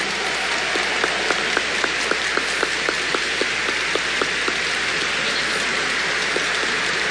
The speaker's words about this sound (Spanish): El señor Nuncio ahora le ha entregado el báculo y acompaña al nuevo obispo de La Vega a su sede. Nuevamente el aplauso para él.